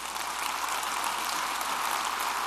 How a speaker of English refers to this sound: Just this week, we have learned of $50 million more in multiple grants that will be coming to Kansas State University. Clap for that one.